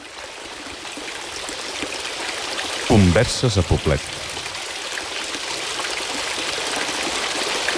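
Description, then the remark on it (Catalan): Steady running water trickles and splashes continuously, like a fountain, as hands are wetted in it, with a brief burst of a man's voice speaking over it partway through. The water is said to sound exactly like the water of the Alhambra in Granada. “Anem a mullar-nos una mica les mans? Doncs sí, amb aquesta aigua que fa exactament el mateix so que la de l'Alhambra de Granada”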